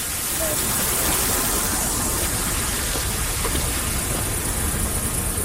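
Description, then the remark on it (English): A lawn sprinkler sprays water in a steady, dense hiss that holds at an even loudness throughout, like continuous rainfall, with no pauses or distinct bursts. “Like, so much of our childhoods are rooted in very distinctive sounds that we, you know, associate with childhood, like the sound of a sprinkler.”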